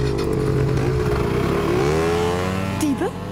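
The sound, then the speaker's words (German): Small motor scooter engines rev up loudly, their pitch climbing as they pull away in a hurry, with a sharp rising whine near the end. “Auf die Roller. Beeilt euch.”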